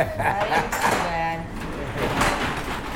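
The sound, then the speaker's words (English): A sliding door rumbles open with a brief whirring, squeaky glide midway through, set against a busy, noisy room with indistinct voices in the background. The sliding doors are at the basement storage area of the Urban Mission food pantry in Watertown, where a shipping truck backs up. “A shipping truck backs up in front of the sliding doors.”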